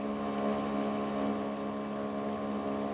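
A sailboat's small auxiliary motor drones steadily at a constant pitch on the Großer Schweriner See in Mecklenburg, Germany, its low harmonic hum unbroken for the whole stretch, with a faint airy wash of wind and water on top. No one speaks.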